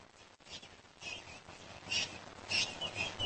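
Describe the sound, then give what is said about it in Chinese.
Cape parrots, searching for food in a small town during the day, call in a few harsh, high-pitched squawking bursts, growing louder toward the end, over a steady hiss of background noise with no voices. “和猴子一样，好望角鹦鹉整个白天都在小镇上寻找食物。”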